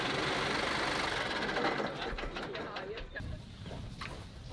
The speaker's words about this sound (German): da kommt der Trecker wieder. Ja, kommt wieder, ja. Man kann weit gucken. Wir können schon sehen, dass unser Opa wiederkommt. Dieser Traktor.